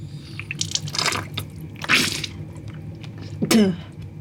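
Wet, squishy bursts of salt water splash and drip into a sink in close succession during a nasal rinse meant to flush out pollen, with a sharp snort-like gush near the end, fairly loud with no talking.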